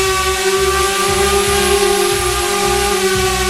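A drone flying over meadows in Lausitz buzzes loudly and steadily, its motors holding a constant droning pitch with bright harmonic overtones and a faint pulsing rumble underneath; no one speaks.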